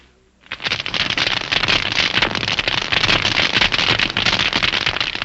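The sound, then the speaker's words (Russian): Dense, continuous crackling of millions of tiny snapping shrimp living on a rocky seabed, picked up underwater by a hydrophone, a loud fizzing mass of sharp clicks and pops that starts abruptly after a brief hush and never lets up. “Гидрофон улавливает их громкую трескотню.”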